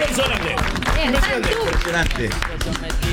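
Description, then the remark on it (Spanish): Steady applause from a crowd fills the whole stretch, dense and fairly loud, with voices talking and calling out over the clapping, applauding a participant who completed a 138-kilometre race among 454 competitors. “¡Un aplauso grande! ¡Un aplauso grande!”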